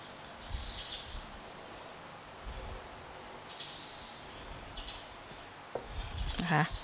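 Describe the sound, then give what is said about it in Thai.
A spoon scrapes softly and intermittently against the pit of an avocado cut in half, ending in a brief squeaky pry as the seed comes loose while the avocado is prepared for a dish. Quiet, with no one talking. “เตรียมก็คือผ่าอะโวคาโดออกครึ่งนึงเลยใช้ช้อนนะคะแกะเม็ดออกก่อน”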